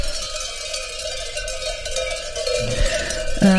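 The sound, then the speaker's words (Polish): Many bells on grazing animals clank and jingle in a continuous, irregular wash of metallic tones, steady and fairly loud, growing a bit busier toward the end, with no voices. “Jest jak telu dzwonków dzisiaj mają, no tu.”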